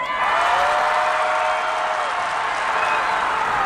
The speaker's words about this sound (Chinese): 比拼已经结束了，现在我们开始第二轮的打分啊。那这一轮喜欢我们梦马队的掌声呐喊声走起来。